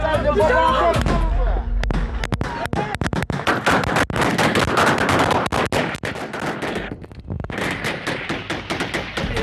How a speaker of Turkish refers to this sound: Sabah 4'e kadar bekledik. 4'ü çeyrek geçe sanırsam o civarlarda sabaha karşı ateş seslerini duyduk biz.